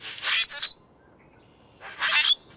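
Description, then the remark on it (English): A common grackle gives two harsh, raspy, squeaky calls, each about half a second long and separated by a pause of just over a second, heard clearly with no voices. “On the way to the bus or train stop, you might see a common grackle hopping along the curb.”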